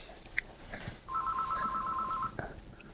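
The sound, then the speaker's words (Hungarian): A single burst of a telephone ringing, a warbling electronic trill lasting just over a second, at moderate volume against a faint background hiss, with no one talking. “És itt a telefon.”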